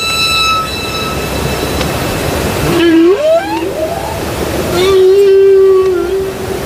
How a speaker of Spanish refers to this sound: Los cánticos de las ballenas jorobadas que antes escuchamos gracias mira. A David Peñalo. Vamos a escucharlas. Vamos a escucharlas.